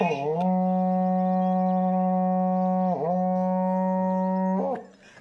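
A berrante cattle horn blown in long, loud, droning blasts with a rich buzzy tone, briefly wavering and dipping in pitch mid-way before trailing off near the end.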